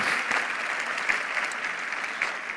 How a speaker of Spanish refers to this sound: ¿Cuántos pueden decir amén a eso? Dale un aplauso al Señor, ponte de pie.